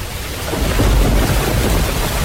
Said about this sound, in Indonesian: Wah, hujan deras nih. Nggak bisa kemana-mana. Nanti banjir lagi.